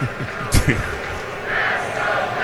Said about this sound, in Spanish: Y aquí se escucha Let's Go Dodgers.